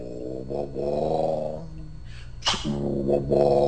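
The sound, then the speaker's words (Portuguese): A Scania truck engine rumbles deeply and revs, its tone rising and falling, with a brief sharp hiss like an air release midway before the growl returns. No one speaks. “Esse é o Scania.”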